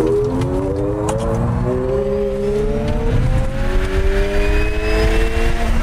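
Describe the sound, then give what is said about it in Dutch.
A Ferrari Luce, Ferrari's electric sports car, at its launch: a loud roar as it accelerates, its pitch climbing steadily through several gear changes, continuous with no talking. “Ja, het gaat snel, maar het is wel de afwezigheid van gegrom natuurlijk die het hem doet.”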